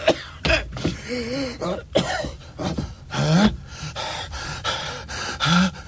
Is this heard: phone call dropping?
no